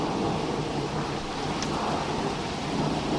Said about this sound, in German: Boah, da haben sie ein richtiges Gewitter da oben, oder? Wow. Ah, jetzt wird es besser, das Gewitter. Jetzt wird es besser.